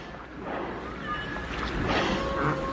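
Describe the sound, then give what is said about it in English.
A large boat churns steadily through water, its low engine rumble blending with rushing wash and wind, and a faint tonal whine rising now and then. No voices. “Could they be afraid of the big boat?”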